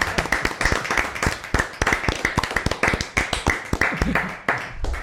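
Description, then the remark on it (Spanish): An audience claps in sustained applause, a dense, irregular patter of sharp hand claps that stays fairly loud and even for several seconds before tapering slightly. “Oye, vamos a dar un aplauso, que lo hemos hecho muy bien, ¿eh?”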